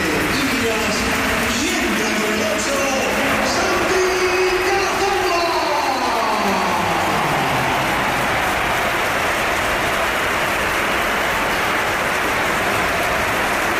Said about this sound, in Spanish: y esta es la ovación que le ha dedicado el Bernabéu, que ha sido espectacular también cuando entraba el jugador del Oviedo.